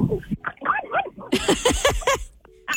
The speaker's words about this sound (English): We just gave you 14 more minutes of barking with that dog, didn't we? Yes, she heard you, and then she turned her head sideways and took off running, barking.